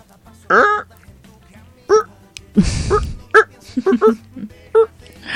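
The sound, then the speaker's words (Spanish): A person imitates a rooster crowing with a stutter, producing a string of short, loud, honking calls in uneven bursts, with a brief breathy rush partway through. “Canta como un gallo tartamudo. ¿Cómo sería?”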